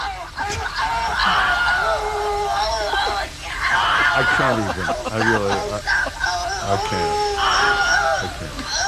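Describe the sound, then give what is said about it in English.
Several people shout and scream over one another in a heated, chaotic argument, with voices rising and falling in pitch and barely a pause across the whole stretch, loud throughout. “Here is allegedly the sound of a fight that happened at a butcher takeout line.”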